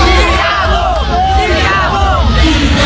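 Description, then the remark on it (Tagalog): A dense crowd cheers, shouts and waves continuously at a Saturday street motorcade for actor Coco Martin through Quiapo, Divisoria and Tondo, many voices overlapping into a loud, steady roar with scattered whoops rising above the din. “lahat sumisigaw, kumakaway, nakangiti.”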